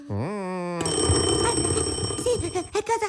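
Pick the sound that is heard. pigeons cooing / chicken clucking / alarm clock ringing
alarm clock ringing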